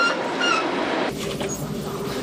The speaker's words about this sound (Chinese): 在内燃机车的牵引下，列车驶离格尔木车站。